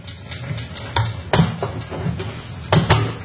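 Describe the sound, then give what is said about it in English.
Liquid runs steadily out of a beer tap with a soft, continuous hiss, broken by a few sharp plastic clicks and clacks from the tap being handled. “And now I'm going to run some of that sterilizing liquid out through the tap to sterilize that part properly.”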